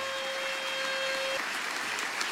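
An audience claps steadily in a dense, even wash of applause that holds at a constant loudness throughout, with a thin steady tone humming underneath for the first half.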